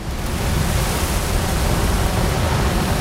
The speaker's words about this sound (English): he thrashes and kicks around in the swirl of churning white water and a strong current. Fights to swim against the foam and froth of the violent torrents, then catches hold of an overhanging branch dangling into the fast-flowing river.